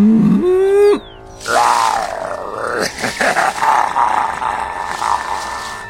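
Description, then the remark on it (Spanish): A brief rising squeal gives way to a loud, drawn-out growl of an approaching mountain puma that rumbles on for several seconds with rough, pulsing swells. “¡El gato ya se está acercando!”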